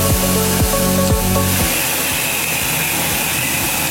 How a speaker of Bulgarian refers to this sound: Ето, примерно, тук имаме един миксер за тор, който зададена рецепта за захранене на растенията вкарва директно в капковото. Не е нужно да ходи един човек да отваря клапани, да държи маркуч, да тури на сляпо.